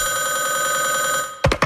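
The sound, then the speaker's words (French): A telephone rings with a steady, continuous electronic trill for over a second, loud, then cuts off abruptly followed by a couple of short clattering sounds. “Des chasseurs plus paresseux préfèrent caler l'orignal directement par téléphone.”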